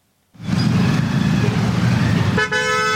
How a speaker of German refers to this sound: Ein typischer Morgen in Delhi. Der Verkehr nimmt zu, von überall her ertönen Hupen. Zwei Räder zwängen sich durch die Lücken.